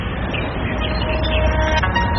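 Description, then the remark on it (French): Plant biofrequency from nettles, picked up by a device with clips attached to the leaves, turned into random musical notes: soft, sustained electronic tones drift at shifting pitches over a steady, noisy rumbling background, with no one speaking. “Et donc là, on entend la biofréquence des plantes, c'est-à-dire que les fréquences qui sont dans la plante, qui sont changées en notes de musique aléatoires.”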